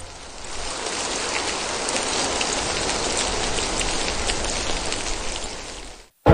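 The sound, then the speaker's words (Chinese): Steady, dense rain pours down around the Qingming festival on a vegetable-growing area, countless drops pattering on hard surfaces in a continuous hiss, fairly loud, with no voices, before cutting off abruptly. “颗颗雨滴犹如落在了大家的心头。”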